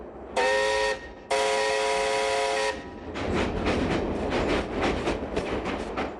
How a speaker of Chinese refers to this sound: 这种感觉越强烈，仿佛火车正驶向的不是省城，而是地狱。